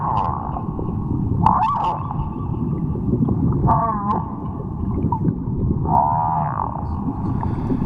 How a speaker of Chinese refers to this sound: 西半球的座头鲸给了一份近乎满分的答卷，声音是他们引以为傲的天赋。作为鲸豚类动物里的艺术家，他们每年约有6个月的时间在唱歌，这种庞然大物至少能发出7个8度音阶的音，按照一定的节拍音节长度来演唱。